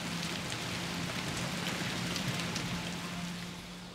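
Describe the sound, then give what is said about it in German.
Steady rain patters on a hard surface, halting work on a reed-thatched roof, a dense continuous hiss of droplets with scattered sharper taps, even in level, no voices. “Das Wetter macht den Arbeiten einen Strich durch die Rechnung. Bei Regen ist es zu gefährlich hoch oben auf dem Dach.”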